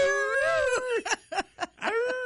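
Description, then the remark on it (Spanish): A person imitates a howling coyote: a long, wavering howl, then several short yipping cries, and a final rising howl, loud and with no talk around it. “Quien lo esté escuchando por otro lado empieza, oye, ya los coyotes ya están aullando.”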